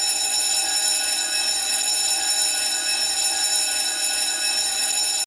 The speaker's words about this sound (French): comme à l'école, la cloche va sonner et la nuée d'enfants va se ruer dans la cour